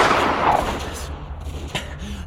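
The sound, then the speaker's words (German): A single loud rifle shot, fired into the sky on a mountain slope, cracks out and rolls away in a long, fading echo, followed by a brief fainter snap near the end. “Hastig lud er das Gewehr durch, zielte in den Himmel und drückte ab.”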